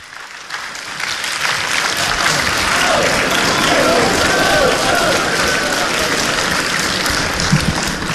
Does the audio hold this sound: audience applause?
yes